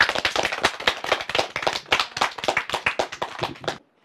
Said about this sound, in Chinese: 那同学们，也让我们再次把感谢的掌声送给我们的